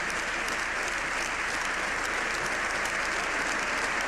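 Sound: applause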